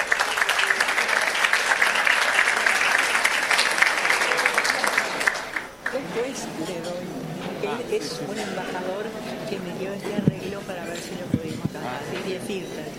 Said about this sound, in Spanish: Ahora sí, señor embajador, con mucho gusto escuchamos su palabra. El aplauso para recibirlo.